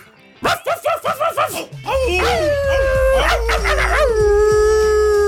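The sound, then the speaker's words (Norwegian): A quick series of about six sharp barks or yips, then a loud, sustained dog howl rising and wavering for several seconds, prominent. “Det den internasjonale hundedagen I dag.”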